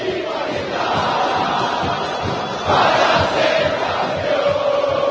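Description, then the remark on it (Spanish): A massive football stadium crowd of Boca fans roars and chants continuously as their team comes out to face Vasco, a dense wall of voices that swells louder partway through and stays loud, with rhythmic surges in the singing. “Escucha al pueblo de Boca.”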